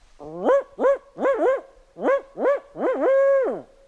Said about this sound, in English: On a snowy night this spring, I went to the woods to try to talk to barred owls. Some birders were there to help.